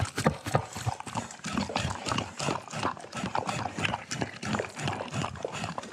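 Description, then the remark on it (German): A dog eating from a food bowl, with a busy stream of irregular clattering knocks and crunches as the bowl rattles, steady throughout with no voices. “Tja, Hunde möchten gerne ans Futter und das gelingt ihnen nicht so richtig, weil die Näpfe, die so allgemein für Hunde benutzt werden, eigentlich nicht für Hunde gemacht sind, sondern die sind eigentlich für Menschen gemacht, die mit Messer und Gabel”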